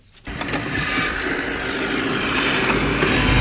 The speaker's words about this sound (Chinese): 在855农场的大豆田里，大马力拖拉机正牵引着汽炊式施肥播种机紧张作业。